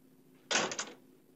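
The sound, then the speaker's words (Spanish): A door swings shut with one short, solid knock followed by a brief rattle of the latch, with no talking. “Cierra esa maldita puerta.”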